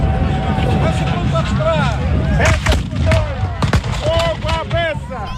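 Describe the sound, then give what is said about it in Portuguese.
Cannon fire from gun number 1 at the Siege of Almeida reenactment in the municipality of Almeida: a few sharp, heavy booms burst out midway over a steady murmur of crowd voices, with short rising whistle-like chirps scattered throughout. “Peça número 1! Fogo à peça!”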